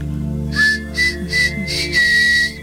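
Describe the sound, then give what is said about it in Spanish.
A series of short, high whistles repeats in quick bursts, about four or five chirps with brief gaps, fairly loud over a low steady background hum. “El silbidito.”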